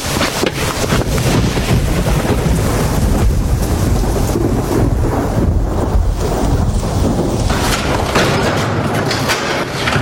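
A steady, loud roar of wind and rain outdoors, with gusts buffeting the microphone and a dense hiss that never lets up; no voices are heard.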